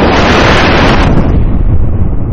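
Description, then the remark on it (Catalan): Loud, roaring wind of a strong storm blows steadily outside a circus tent in the afternoon under big black clouds, a dense rushing gust that dulls slightly partway through but never lets up. No voices. “I ara, a fora, una forta tempesta tenyeix el dia de negror.”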